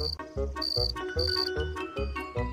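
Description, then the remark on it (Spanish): A voice imitates cricket chirping with a steady run of about seven rhythmic, buzzy pulses, some topped by a thin high whistle, fairly loud and continuous with no talking. “Geniales chirridos de grillo.”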